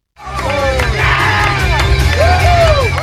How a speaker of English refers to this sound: There were cheers, chants, and a sea of red, white, and blue at the LA Galaxy Park watch party as fans celebrated a well-deserved victory.